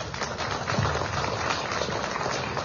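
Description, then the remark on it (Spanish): An audience in Villa Tunari applauds to welcome the president of the Municipal Council of Villa Tunari, steadily for a few seconds, the many claps blending into a dense, even crackle that holds at a constant level throughout, with no voices over it. “vamos a tener a continuación las palabras de bienvenida que estará a cargo de la presidenta del Honorable Consejo Municipal de Villa Tunari, la hermana Rosemary Vázquez, para quien pido, por favor, un fuerte voto de aplausos.”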